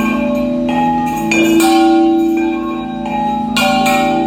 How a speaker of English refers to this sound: And her last day was just before Halloween when she got to ring Odd's chime.